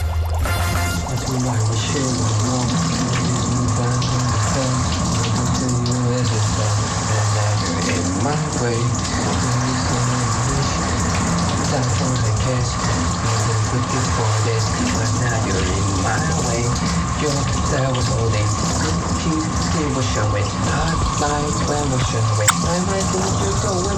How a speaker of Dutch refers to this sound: En als jij kan raden wat ik meezingt, dat betekent dat het nummer een hoog meezinggehalte heeft. En dat het dus een doucheplaat is. Dus als je denkt, ga ik echt luisteren naar jou onder de douche? Ja, luister maar.